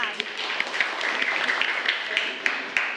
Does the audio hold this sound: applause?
yes